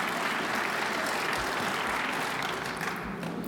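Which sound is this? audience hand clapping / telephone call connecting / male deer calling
audience hand clapping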